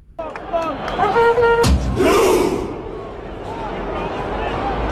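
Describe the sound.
A large crowd of Norwegian football fans at the World Cup chants and roars together in their 'Viking Row' chant, with one sharp, heavy boom cutting through before a loud surge of cheering that settles into a steady rumble of voices.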